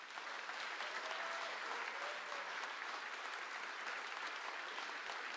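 Steady, dense applause from an audience, a continuous crackle of many hands clapping at an even, sustained loudness for several seconds with no voices standing out.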